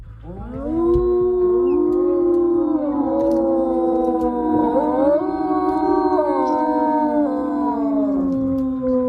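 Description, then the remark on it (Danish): Several wolves at Ulveland in Denmark howl together in a sustained chorus, long gliding tones overlapping and rising and falling for the whole stretch, loud with no talking. “I dag, der er vi jo ude i Ulveland, og det handler jo altså om lyden, og for nogen også frygten for dem her.”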